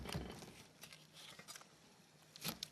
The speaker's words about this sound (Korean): 배쪽도 있어요. 그래서 칼로 예. 다 벗겨내지 못하는 부분은 우리가 잘라내서. 예.